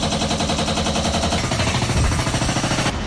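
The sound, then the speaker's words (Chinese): Loud, continuous construction noise with rapid, jackhammer-like pounding in a steady rattling rhythm and heavy machinery rumbling underneath, no voices, at a Huadian Heating Group heating pipe network renovation site at the Zhaiying Street and Yuejing Road intersection in Shijiazhuang, China, where workers are laying pipes. “我现在是在石家庄市翟英大街跟月经路交叉口，这里呢也是华电供热集团供热管网改造工程施工现场，工人们正在铺设管网，加紧施工。”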